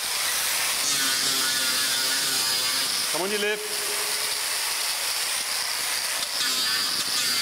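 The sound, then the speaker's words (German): During elephant foot care, an angle grinder whines steadily as it files the sole layer and nails of the elephant Chamundi's foot, a loud, continuous buzzing rasp with shifting tones, while a voice briefly calls out partway through. “Unangenehm der Lärm, der Flex, der beißende Geruch, der Sohlenschicht und der Nägel.”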